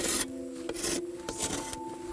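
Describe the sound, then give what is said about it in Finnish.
A saw blade scrapes across the surface of a core to clean it, in about four rough, rasping strokes, fairly loud, with a faint steady hum underneath and no talking. “Sitten sahalla putsaus.”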